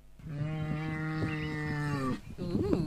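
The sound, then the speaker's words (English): A cow, the second cow sound played in a game guessing whether the cow is expensive, lets out one long, steady moo lasting about two seconds, loud, followed by a brief rougher call as it trails off. “Here's the second cow.”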